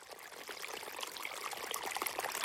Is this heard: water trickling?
yes